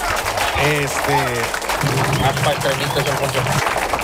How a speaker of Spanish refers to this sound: Ya cállense los hijos, ustedes ya no aplaudan, ya a ver.